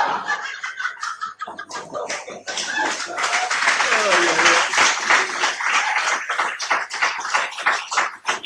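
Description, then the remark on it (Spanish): A crowd claps steadily in dense, continuous applause, loud, with a few whistles and cheers rising briefly in the middle before the clapping carries on. “Dígame, usted, porque la gente lo aplaude, se piensa que yo le voy a creer eso.”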